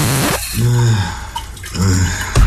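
A shower runs with a steady hiss of falling water, while a voice hums or sings in short phrases over it, pausing between notes.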